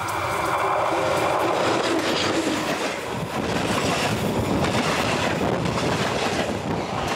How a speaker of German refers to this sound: Die E-Lok steht mitsamt Mannschaft für die Ausfahrt bereit. Es ist unsere letzte Etappe auf Norwegens Schienennetz. Sie führt in Richtung Norden ins Eisenbahnmuseum nach Hamar.